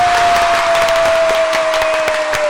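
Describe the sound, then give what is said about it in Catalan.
A studio audience applauds a presenter entering the studio, a steady, dense wash of many hands clapping with sharp individual claps popping out, loud and sustained throughout, with a faint steady tone running underneath. “que fa la seva entrada a l'estudi amb l'aplaudiment de tot el públic aquí assistent!”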